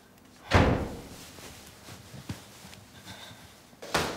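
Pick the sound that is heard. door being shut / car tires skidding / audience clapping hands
door being shut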